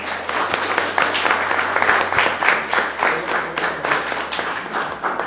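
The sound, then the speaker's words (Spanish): An audience applauds steadily after a speech at an event, a dense wash of many hands clapping at once, sustained and fairly loud throughout with no voices rising above it. “Que se escuche el aplauso.”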